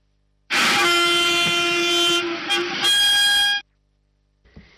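A loud train horn blares for about three seconds with a brief wavering dip midway, over a low rolling rumble, then cuts off to near silence with a faint clank.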